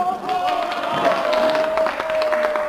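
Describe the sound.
A large crowd roars and cheers continuously at the Avus race track in Berlin, a dense wash of many voices at steady loudness, with a sustained high-pitched tone running through it for the whole stretch.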